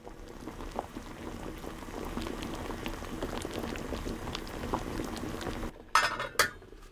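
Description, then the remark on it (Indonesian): Water with soaked pieces of ubi (sweet potato) bubbles and rumbles at a steady boil in a covered pot on the stove, a dense churning simmer, then two sharp metallic clinks ring out near the end. “Masukkan ubi ke dalam panci, tambahkan air hangat secukupnya untuk merendam potongan ubi, kemudian didihkan di atas api sedang. Setelah itu, kecilkan api dan tutup pancinya.”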